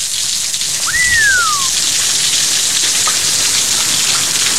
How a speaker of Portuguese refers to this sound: Deixa eu ver aqui onde que começou a chover. Barulhinho de chuva aí, ó.